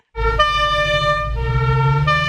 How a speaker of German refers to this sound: Hier kommen drei Sirenen. Aber nur eine davon gehört zur Polizei. Welche ist das?